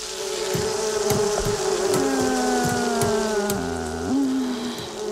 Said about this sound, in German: Die Wespen, ja, die haben richtig Bock auf Stress. Ja. Die sind gerade, die sind gerade ultra aggro.